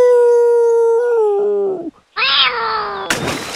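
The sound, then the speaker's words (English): A voice imitates a wolf, letting out a long, loud, sustained howl that slides downward, breaks off briefly, then rises into a second howl before a sudden harsh, noisy burst. “Then he howled like a wolf.”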